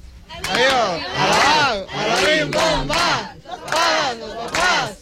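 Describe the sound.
A family shouts a rhythmic farewell cheer in unison, their last cheer after a count of three, loud bursts of rising and falling calls repeated in several pulses with short breaths between them.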